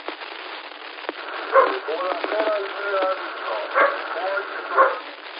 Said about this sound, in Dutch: De honden moeten ook nog uit, want die lopen al te blaffen. Op de achtergrond.